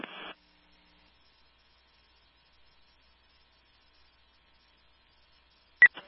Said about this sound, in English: Creek 7820, acknowledging tone.